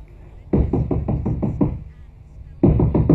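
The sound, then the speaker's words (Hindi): Rapid knocking on a house door by a beggar in a radio drama, a burst of about seven sharp raps, a brief pause, then a second burst of knocks starting up, loud. “आई कौन है मुआ? अरे दरवाजा खोलेगा क्या?”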